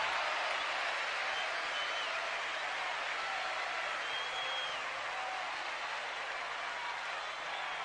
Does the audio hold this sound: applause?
yes